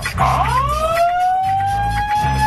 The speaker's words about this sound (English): I should have warned you. My bad. The dry hump alarm.